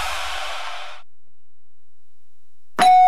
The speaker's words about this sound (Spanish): Estos chamacos son de los que tocan el timbre y salen corriendo.